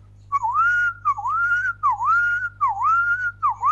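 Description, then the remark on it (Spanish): A person whistles an imitation of a strange alarm-like noise heard on waking from a siesta: a repeating, wavering tone that dips and rises in steady cycles, about five swoops in a row, fairly loud and alone. “Es una alarma. Ese ruido escuché cuando me desperté de la siesta.”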